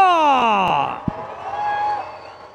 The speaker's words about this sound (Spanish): Señoras y señores, ¡quiero que se escuche fuerte el grito!